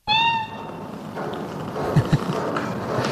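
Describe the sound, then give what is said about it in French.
A single short, high-pitched meow from a female astronaut cat at the start, clear, followed by a noisy background with a couple of soft low thumps. “Félicette est de toute évidence un chat, j'ai bien identifié, ou plutôt devrais-je dire une chatte”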